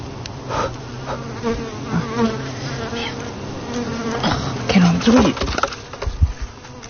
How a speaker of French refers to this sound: Ah, il y a une abeille. Oh là, sur mon téléphone. Maintenant, elle vient sur mon doigt.